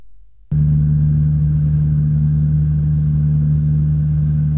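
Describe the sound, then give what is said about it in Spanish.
A generator that supplies power to a parked train, beside residential buildings next to the railway tracks, starts up after a brief quiet moment and runs steadily, a loud, unchanging low droning hum with a strong tonal buzz and no voices. “Este es el ruido que se ha grabado en relación a esos trenes, a ese generador, y piden los vecinos que se conecte a una instalación eléctrica cercana mientras el tren esté parado.”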